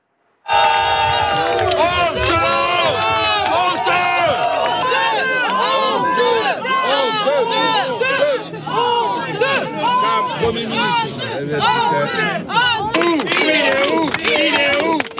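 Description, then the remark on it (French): A crowd of about 200 people jeers loudly and without pause at the Prime Minister arriving in the morning in Gironde, France, many voices booing and shouting over one another while shrill whistles cut through the din from start to finish. “Et c'est un ministre sifflé et hué qui est arrivé ce matin en Gironde.”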